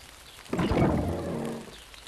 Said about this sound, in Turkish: Yağmur şiddetleniyor. Ne kadar da çok yağmur yağdı. Birazdan her yeri toprak kokusu sarar.